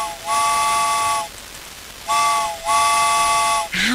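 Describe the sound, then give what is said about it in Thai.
A steam train whistle blows twice, each a long, sustained, chord-like hoot over a hissing, rumbling background, ending with a rising squeal. “ชั่วโมงที่สองแล้วค่ะรถไฟมาแล้วค่ะ”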